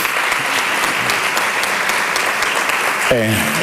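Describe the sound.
An audience gives a sustained ovation at a tribute honouring a career devoted to promoting flamenco, dense steady applause from many hands at a constant loud level, and a man's voice begins speaking over it just before the end.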